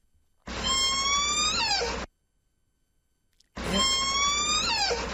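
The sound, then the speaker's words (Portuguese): Two long, loud creaks of a rusty door hinge, each a strained, squealing tone that wavers and bends downward in pitch, separated by a second of silence. “Hoxe non era un animal. Era unha porta que te ha con óxido e a bisaja non fai...”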